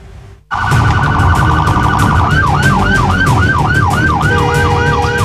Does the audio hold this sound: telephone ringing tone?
no